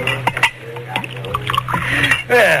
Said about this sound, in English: Do you mind if I pour myself one? Oh, go ahead.